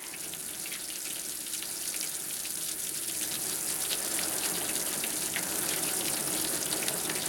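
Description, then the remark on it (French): Heavy rain pours down in bitterly cold weather, a dense, steady hiss with fine crackling spatters, holding an even, loud level throughout with no voices. “Un vrai temps de chien, hein. Oh là là, qu'est-ce que ça dégringole!”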